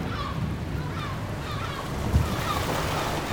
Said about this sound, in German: Wir haben es geschafft. Das Boot bewegt sich. Die Insel liegt hinter uns.